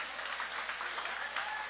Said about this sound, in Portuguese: Vocês podem aplaudir o nome de Jesus.